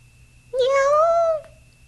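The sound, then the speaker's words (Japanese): A single drawn-out meow from a white, plump cat wearing a bell on its collar, lasting just under a second with a gently rising then falling pitch, against a quiet background with no talking. “歩いていくと、向こうから白くてかわいらしい猫がやってきました。”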